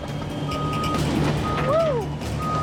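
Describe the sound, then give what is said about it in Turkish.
Excavator reversing beeps as the excavator is loaded back onto a railway wagon: a steady high-pitched tone over a low, rumbling diesel engine, with a brief rising-and-falling squeal partway through. “Taylor, ekskavatörünü tekrar vagona yükleyecek.”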